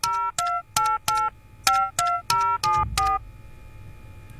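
A Hindi film song plays, opening with a quick run of about nine crisp, electronic phone-like beeping notes in a bouncy rhythm over a faint low backing, loud and close.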